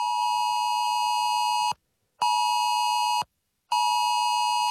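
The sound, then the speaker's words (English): A harsh, siren-like emergency alert test tone on mobile phones, played with vibration for 10 seconds as a test message appears on screens, blares in three long, loud bursts separated by brief silences, steady and piercing with a buzzy electronic edge, and no voices. “So look, on Monday, devices will vibrate and play a siren-like sound for 10 seconds as a test message appears on screens.”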